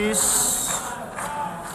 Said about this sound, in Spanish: En la Asamblea General de Naciones Unidas esta tarde comparece el primer ministro de Israel, Benjamín Netanyahu, que ha recibido un sonoro abucheo.